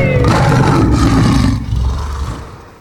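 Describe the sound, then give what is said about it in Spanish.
A loud, deep animal roar with heavy low rumble, sustained for over a second before trailing off and fading out, heard alone with no talking. “Y ese rugido guaraní es lo que necesitamos hoy.”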